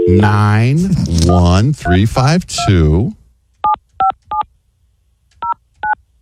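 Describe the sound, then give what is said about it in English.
After a few seconds of someone talking, five touch-tone keypad beeps sound as a phone number is dialed: three quick tones, a short pause, then two more, clear. “Here, you want me to call the number?”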